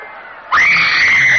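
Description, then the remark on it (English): A murmuring crowd suddenly bursts into loud, sustained high-pitched screaming, many voices shrieking together in panic after a brief quieter lead-in: the carnage outside Priam's palace in Troy as the Greeks attack. “In the palace, Priam listens to the carnage outside with growing alarm.”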